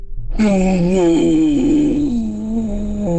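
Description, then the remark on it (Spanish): A woman's voice imitates an elephant's trumpet, one loud, sustained, brassy blare lasting about three seconds, wavering slightly in pitch, close and clear with no other sounds. “Qué bien le hace al elefante.”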